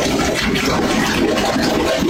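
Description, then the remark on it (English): Loud, continuous gurgling and churning of water backing up from a shower stall drain at 2 o'clock in the morning, a dense watery roar with bubbling texture throughout, steady with no speech. “This was the noise we woke up to at 2 o'clock in the morning.”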